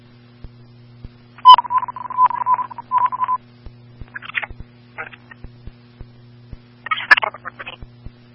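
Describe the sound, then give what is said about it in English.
Fire dispatch alert tones sound over a radio channel after Fire Dispatch tells unit Three to stand by for tones: a run of steady, piercing electronic beeps, followed by short bursts of scratchy radio noise and faint periodic clicks. “Three, stand by for tones.”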